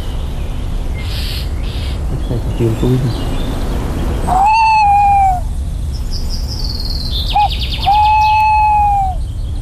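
A thrush gives two harsh, drawn-out alarm calls a few seconds apart, with a few fainter calls around them, set against a steady low outdoor rumble; the thrushes are warning of and chasing an owl.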